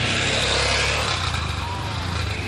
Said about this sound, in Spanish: Sobrevivió el auto, ¿eh? El auto que pasó recién nos dejó todo.